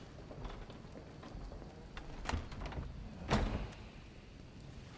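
A heavy chamber door is swung shut by servants with a soft creak and a solid thud, followed by a sharper latching knock a second later, otherwise quiet.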